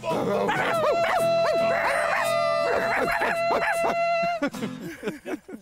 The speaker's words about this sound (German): Wuff, wuff, wuff.